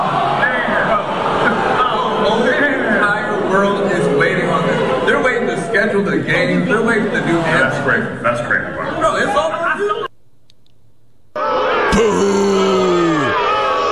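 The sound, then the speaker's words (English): A large crowd at a live taping of The Shop at Bagfest Day 2 boos loudly and steadily for about ten seconds after learning there would be no announcement, a dense mass of low, drawn-out voices, then a brief silence before the noise returns with a falling, groaning tone. “He's even got his own people booing him.”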